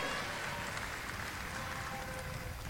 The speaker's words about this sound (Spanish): también, pues un fuerte aplauso para él.